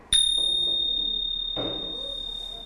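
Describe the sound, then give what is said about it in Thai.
Small Thai ching finger cymbals are struck once by a teacher demonstrating the correct striking technique to children, giving a bright, high ringing tone that sustains clearly for over two seconds before a second strike lands right at the end. “เพราะฉะนั้นเราต้องรู้ด้วยว่าการตีฉิ่งที่ถูกต้องจะต้องตีแบบไหนให้มันเกิดเสียงที่เราต้องการนะคะอีกครั้งหนึ่งเด็กๆสังเกตดูนะ”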